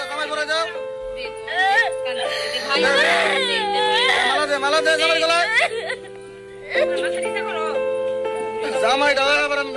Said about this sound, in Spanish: No entendemos el idioma, pero escuchen los gritos, escuchen. ¿Puede una niña de 9 años ser entregada en matrimonio a un hombre de 50? El Fondo de Población de las Naciones Unidas documentó un caso así en Yemen.